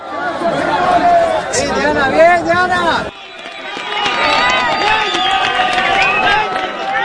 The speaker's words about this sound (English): when you hear that cheering, that joy, does that take you back to those moments when you managed to pull those 7 out?